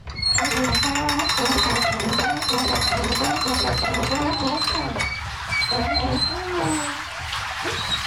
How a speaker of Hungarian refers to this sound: Folyik le róla a víz, hallani a csobogását.